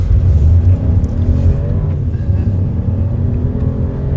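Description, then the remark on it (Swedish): A car engine revs loudly and steadily, its low droning roar rising and easing slightly over a few seconds with no voices, as young people with visual impairment try driving a car with a driving instructor on the Bulltoftabanan track in Malmö. “Där fick unga med synnedsättning testa att köra bil tillsammans med en trafiklärare.”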